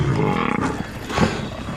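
Lions surrounding and ambushing a herd of buffalo roar and snarl loudly in a continuous, rough, low rumble lasting under two seconds, with a brief swell near the end and no voices.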